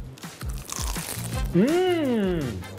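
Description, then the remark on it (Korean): Crisp crunching of someone biting and chewing a chewy rice cake (jeolpyeon) layered with seasoned seaweed like a mini sandwich, several quick crackly bites in a row, followed by a drawn-out voiced hum of appreciation. “너무 맛있어요. 겉면 바삭바삭하고.”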